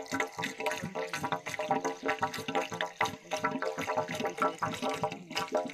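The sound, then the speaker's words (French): Low-pressure water runs steadily from a tap into a basin, a continuous splashing and gurgling that holds at an even level throughout, with no voices present. “C'est une petite pression de l'eau, qu'on va dire une nouvelle robinet justement, qui peut tomber dans un bassin, mais il peut tomber continuellement la nuit les eaux.”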